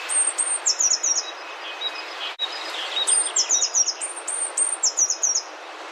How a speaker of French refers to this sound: Toujours à Mureaux, Chêne-Vert, 24 avril 2024. Petite mésange est à 5 mètres de moi. Elle est dans le haut des chênes, elle bouge de branche en branche.